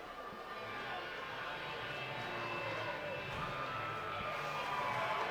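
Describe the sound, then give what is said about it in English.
A baseball stadium crowd in Salt Lake cheers on a Friday night in the bottom of the 8th inning, a steady, continuous roar, a dense wash of voices that holds loud throughout and swells slightly toward the end. “Fans trying to bring the noise here in this bottom of the 8th inning.”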